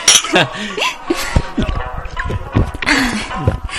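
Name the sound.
glasses clinking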